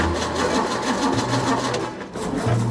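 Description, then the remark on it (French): A car engine cranks over and over with a steady, rhythmic mechanical whirring, pausing briefly before cranking again without catching. Loud, with no voices. “Pas vraiment un démarrage au quart de tour, ça.”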